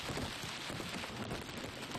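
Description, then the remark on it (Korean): Heavy summer monsoon rain pours down steadily in a forest, falling on a shrike's nest, in a dense, continuous hiss of countless drops striking leaves and surfaces, with no pauses and no voices. “때까치 둥지에도 굵은 비가 떨어집니다.”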